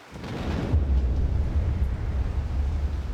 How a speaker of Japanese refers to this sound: 突如として異様な音が轟いた。すぐ近くに百雷が落ちたような大音響だった。 爆発だな